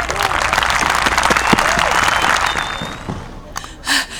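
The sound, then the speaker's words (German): A crowd applauds loudly for Simut, King of the Penguins, who is to open the annual festival days with his speech: dense overlapping claps for about three seconds before thinning out, followed by a brief voice-like sound near the end. “Also, einen kräftigen Applaus für unseren König.”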